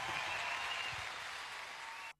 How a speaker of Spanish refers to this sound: Fuerte el aplauso y de pie el aplauso, creo que amerita.